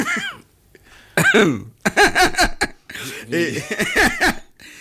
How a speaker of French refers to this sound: si vous continuez à tousser, je me tais, parce que je trouve qu'il y a quand même un manque de respect assez. Vous ne me direz pas que ce n'est pas une toux irrespectueuse.